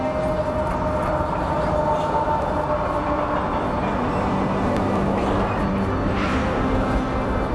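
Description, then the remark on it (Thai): A Canadian Pacific Railway (CPR) train in Canada rolls steadily along the tracks, a continuous loud rumble with rattling wheel noise and a faint metallic squeal, sustained throughout with no voices. “ถึงแม้ CPR จะกลายเป็นรถไฟสายประวัติศาสตร์ของแคนาดาไปแล้วแต่ก็ยังมีการใช้งานอยู่จนถึงปัจจุบัน”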